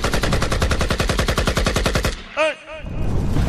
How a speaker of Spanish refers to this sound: lanzando sus petardos en esta batalla de clásicos.